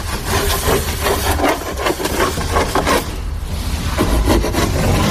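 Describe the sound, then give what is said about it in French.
A hand saw cuts steadily through a large wooden plank, the first side planking board for a boat under construction. Each rasping back-and-forth stroke is loud, and the rhythm briefly pauses before resuming, with a low hum of background noise underneath. “C'est quoi ce grand planche là, Bertrand, que vous êtes en train de couper, de scier?”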